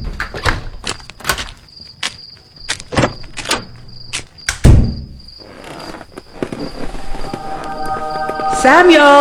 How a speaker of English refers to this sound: And I'm going to lock my door this time.